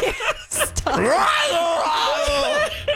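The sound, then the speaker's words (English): A woman lets out a loud, sustained scream right up close to the microphone, her voice sweeping upward then wavering at a high pitch for a couple of seconds after a brief breathy onset. “this is two times in a row you screamed into the mic.”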